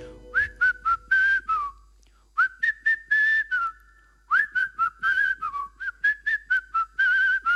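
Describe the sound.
Someone whistles a lilting melody up close, clear pitched notes rising and falling in short phrases with brief pauses between them, no talking over it.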